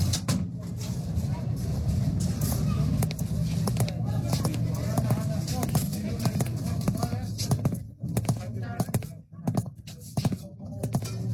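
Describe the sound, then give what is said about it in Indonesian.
A convoy of cars arrives: many footsteps clatter in quick, irregular succession over a steady low rumble and a busy murmur of indistinct voices, like a crowd arriving and milling about. “Suara rombongan mobil datang, disertai dengan tapak kaki dan suara riuh.”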